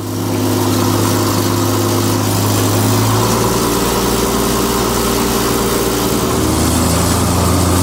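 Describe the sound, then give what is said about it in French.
A small airplane flown by pilot Jean-Pierre Otelli taxis behind another aircraft, its piston engine droning steadily, a loud, buzzing low hum with a slight shift in pitch toward the end and no voices. “Et Papa Alpha, on roule derrière.”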